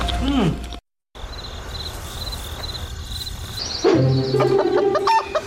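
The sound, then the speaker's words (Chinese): A chicken clucks in a few short bursts over a steady hum of insects, with a brief break of silence early on and outdoor background noise throughout. “鸡不错，鹅也不错，孔雀不能吃哦。”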